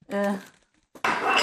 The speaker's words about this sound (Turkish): Ne aradın? Muhallebi için tencere arıyorsun. Anladım.